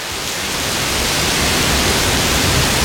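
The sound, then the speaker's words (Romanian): Heavy summer rain pours down in a dense, unbroken hiss, loud and steady from start to finish, with no voices. “Ei, și știi când trec multe zile așa foarte călduroase și apoi vine ploaia aia puternică de vară?”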